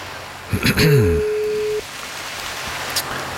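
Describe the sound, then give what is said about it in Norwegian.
A single ringback tone from an outgoing phone call placed live on air, one steady beep lasting about a second, heard over a hissy line. A brief bit of speech overlaps its start. “Ja, det ringer.”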